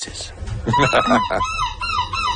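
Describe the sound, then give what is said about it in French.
A person imitates a seagull's cry for a jury judging seagull-cry imitations in La Panne, Belgium: a loud, wavering, squawking call with a bright nasal edge, sustained for a couple of seconds. “Le jury doit évaluer la justesse de l'imitation du cri et je vous propose d'écouter quelques artistes à l'œuvre.”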